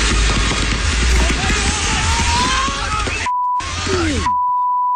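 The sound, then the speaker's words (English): Fireworks misfiring into the crowd at a women's soccer match in Los Angeles (L.A. vs Orlando) crackle and pop in rapid, irregular bursts over a loud, roaring stadium crowd, a woman screaming, with a falling whistle near the end, cut twice by a steady high-pitched bleep. “Let's start in Los Angeles, where fireworks misfired into the crowd at a soccer match. Here's how that sounded.”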